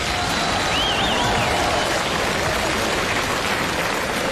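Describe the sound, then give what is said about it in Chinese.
A large audience applauds steadily, a dense wash of clapping that rises in waves and stays loud and even for the whole stretch, with a faint whistle or cheer rising briefly near the start, during a Chinese comic stage performance. “哎呀，看见此起彼伏的掌声了， 看见了。”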